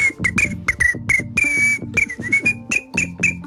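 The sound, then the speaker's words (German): A woman in the SRF 3 radio studio imitates cricket chirping with a rapid, steady series of short, high whistled chirps, one slightly longer in the middle, fairly loud and with no talking. “Ich habe nicht gewusst, dass du die weltbeste Grillenimitatorin das heißt bist.”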